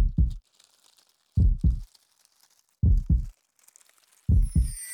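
A loud heartbeat thumps four times at a slow, steady pace. Each beat is a deep double 'lub-dub' pulse with quiet gaps between, and no one speaks.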